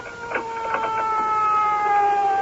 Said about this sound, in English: I think I hear the siren. That's right, lady. You only have to come up 2 blocks from Crosswell.